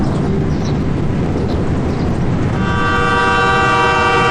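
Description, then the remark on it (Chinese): A train on the Qinghai-Tibet Railway departs Nanshankou station (altitude 3,080 m, over 30 km from Golmud), leaving the Qaidam Basin for the Kunlun Mountains; it rumbles loudly with a constant low-frequency roar, and partway through a sustained horn blares over the engine noise, steady, with no voices. “从南山口开始，火车驶离柴达木盆地进入昆仑山区。”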